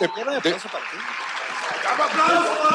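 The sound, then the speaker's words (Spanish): A live studio audience applauds, a steady wash of clapping that carries on throughout, with voices and laughter mixed in underneath, louder at the start and again toward the end. “¿Ya envejecieron los aplausos?”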